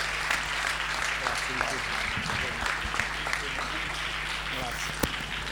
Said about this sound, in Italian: Assessore Gianpedrone, è giusto averli con noi. Un applauso, un applauso.